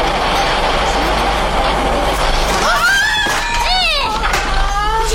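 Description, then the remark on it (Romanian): A train grinds to a halt, its steady, loud rumble joined by high, wavering brake squeals that rise and fall over the last couple of seconds. “Așa se oprește un tren?”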